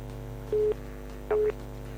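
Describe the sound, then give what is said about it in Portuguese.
Two short telephone keypad tones from a malfunctioning phone, each a clear steady beep lasting about a fifth of a second, spaced roughly three-quarters of a second apart over a constant low electrical hum, with no voices. “Nosso telefone voltou a fazer das suas.”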